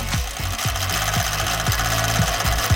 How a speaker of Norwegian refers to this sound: Altså, det var en som var ute og klippet gresset I egen hage med gressklipper uten motor.